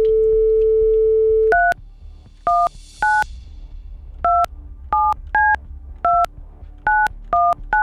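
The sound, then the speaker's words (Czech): A steady dial tone gives way to a telephone number being dialed with a middle finger: about ten crisp keypad tones at an uneven pace, clear, with no voices. A Rádio Blaník presenter is calling a contest listener. “Tak já už jsem se to naučil vytáčet prostředníčkem.”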